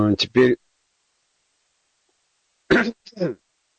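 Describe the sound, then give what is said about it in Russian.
A dry burst of coughing and throat clearing, then a long silence before a second rough, raspy bout of hacking and clearing the throat. Short, loud, and heard alone. “Потом толковище, чего же мне не хрипеть и не кашлять?”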